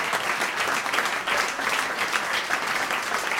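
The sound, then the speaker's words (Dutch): Thunderous, sustained applause from a large concert audience at the Grachtenfestival fills the whole stretch, loud and steady with no pauses, a continuous wash of clapping hands. “echt een daverend applaus hier.”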